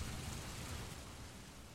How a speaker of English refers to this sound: Storm's picking up.